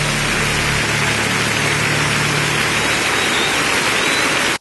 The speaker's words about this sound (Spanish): ¿Por qué no le aplaudes más fuerte a Jesús en esta noche?